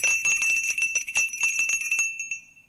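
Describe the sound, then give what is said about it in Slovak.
A small hand bell rings briskly and repeatedly for about two seconds to summon a servant, its bright metallic tone shimmering, then the ringing fades out. No voices are heard. “Zvonili ste, pán prorok?”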